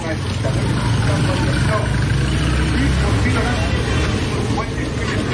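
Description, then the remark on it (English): Dense, continuous street noise in Lagos, Nigeria, with a low rumble of engines and passing vehicles, layered with a constant murmur of many voices from a crowd. “Ah, the sounds of the street in Lagos, Nigeria. Traffic, people, music, a crush of humanity you won't find anywhere else.”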